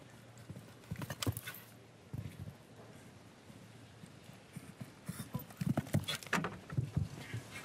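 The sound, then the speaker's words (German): Horse hooves thud and clatter across a show-jumping course in quick, uneven bursts of strides, with a soft outdoor background between the louder footfalls. “Gucken Sie mal, wie dieses Pferd leicht und locker auch im Körper bleibt.”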